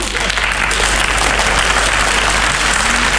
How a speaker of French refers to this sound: Et puis, quand ça a été fini, je suis revenu une dernière fois sous les applaudissements du public.